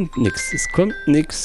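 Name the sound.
whatsApp call ringtone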